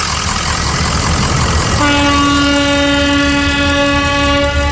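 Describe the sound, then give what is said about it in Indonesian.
Over a steady rumbling background, a ship's whistle at Merak Port ferry harbour sounds one long, loud, steady blast that begins partway through and holds for about three seconds. “Begitu juga mencoba memahami kode-kode sandi peluit yang ada di kapal seperti itu.”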